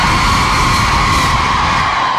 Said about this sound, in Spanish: A ver, un grito a los hombres. Una, dos, tres. A ver, un grito a las mujeres. Ah, los hombres gritamos más fuerte.